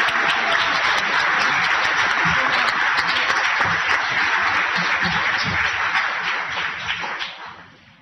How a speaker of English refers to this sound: and please give him another round of applause.